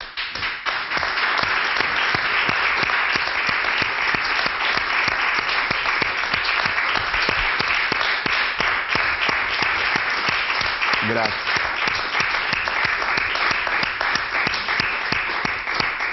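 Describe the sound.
Sustained, dense applause from a large audience fills the whole stretch, steady and loud with many overlapping claps; a single voice briefly speaks partway through.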